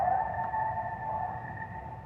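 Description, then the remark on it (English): A coyote, a species native to North America, lets out one long, sustained howl, holding a steady, high wavering tone for a couple of seconds. It sounds moderately loud against a low rumble of background noise, and no one speaks. “The coyote, a native species of North America, and for thousands of years revered by indigenous people, in many cultures believed to be the very creator of life.”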